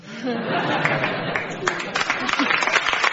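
A crowd gives scattered, half-hearted applause mixed with murmuring chatter and a few chuckles, steady and moderately loud for a few seconds.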